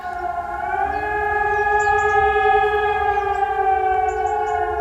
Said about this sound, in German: Ich hoffe, Sie sind auch heute nicht erschrocken. Am Vormittag haben wieder deutschlandweit die Sirenen geheult, so wie hier Punkt 11 auch vor meinem Studiofenster.